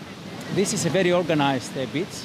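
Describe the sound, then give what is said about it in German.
A steady wash of surf from Aegean Sea waves on a groomed beach with many sun loungers and umbrellas on the Pelion coast of Greece fills the background, a soft continuous hiss underneath a person talking over it throughout. “Das hier ist ein gepflegter Strand mit vielen Sonnenliegen und Sonnenschirmen.”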